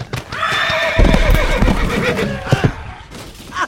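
A horse lets out a long, loud whinny with stacked harmonic tones that waver and trail off, while heavy hoofbeats and thuds sound underneath.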